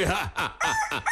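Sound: rooster crowing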